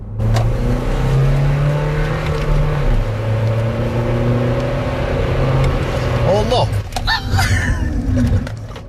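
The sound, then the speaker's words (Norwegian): A car engine roars loudly and close as it accelerates hard, its pitch climbing in steady steps, then the revs drop away amid scraping, clattering noises as the car slows sharply. “Nå tror jeg bremseskivene kanskje begynner å henge litt fast.”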